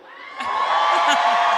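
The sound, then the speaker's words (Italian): A crowd erupts into loud shouting and whooping, a dense wall of voices that swells up within half a second and holds steady at full volume. “Ok, mentre così è un urlo.”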